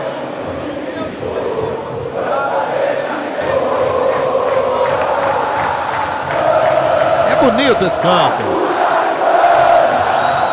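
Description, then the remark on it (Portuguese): A large crowd of Vasco football fans roars and chants at São Januário stadium in a steady, loud wall of voices, swelling louder midway, while a man speaks briefly over the din. “É de arrepiar o grito da galera aqui no Caldeirão.”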